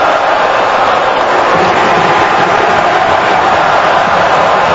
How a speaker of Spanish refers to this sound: Hago un silencio para que ustedes escuchen a la gente gritar por Cristiano.